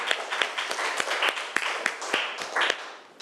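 A group of students applauds together, many overlapping sharp hand claps forming a steady, dense patter that holds at moderate loudness for about three seconds before easing slightly at the end.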